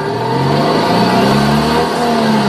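A simulated Citroën 2CV engine starting sound from an electric Citroën car, a loud, steady buzzing drone with harmonic tones that rise slightly in pitch as it revs up, running continuously for a few seconds with no talking.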